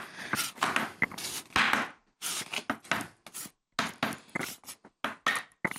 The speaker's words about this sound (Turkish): Heyt be bıçak sesleri.